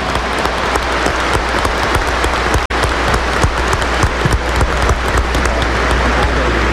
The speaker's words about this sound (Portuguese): A eles, ao nosso querido arcebispo, a todos vocês, acolhamos-nos mutuamente com uma bonita salva de palmas.